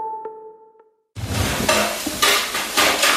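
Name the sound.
spoon stirring in pot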